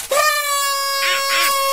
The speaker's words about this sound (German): Fahrradschrauber, hast du dir etwa die fatale Luftrüsseltröte aus meinem Katzenkorb wieder stibitzt? Quatsch, Kater. Die gab's im Zweierpack.